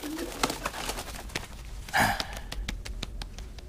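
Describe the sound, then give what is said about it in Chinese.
A pigeon coos softly, one short throaty burst standing out among faint clicks and rustling against a quiet background. “鸽子安然无恙。”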